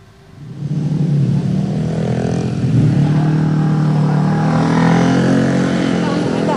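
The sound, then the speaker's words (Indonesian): Loud, continuous road traffic at night in Lenteng Agung, Jagakarsa, South Jakarta, Indonesia, near repair work on a sunken road: a steady roar of cars and motorcycles with a low, droning engine hum that swells in after the first half-second and holds without a break. “bagaimana kondisi terkini arus lalu lintas di sana?”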